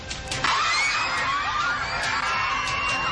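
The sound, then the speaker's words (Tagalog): Pupils of Mahayahay Elementary School in Malita, Davao Occidental, Mindanao, scream and shriek at once as the ground shakes strongly in a magnitude 7.8 earthquake, a dense, sustained, high-pitched chorus with rising and falling wails and a sudden surge of yelling after a brief start. “O malingaw-ngaw ang hiyawan ng mga batang mag-aaral ng Mahayahay Elementary School sa Malita, Davao Occidental, habang ramdam din ang matinding paggalaw ng lupa.”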